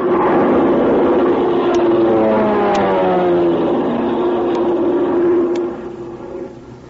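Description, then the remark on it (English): A loud, droning propeller plane engine roars steadily overhead as its pilot drops a message, its pitch slowly sliding downward as it passes, then easing off slightly near the end. No one speaks. “Well, wonder who's at the controls of the plane.”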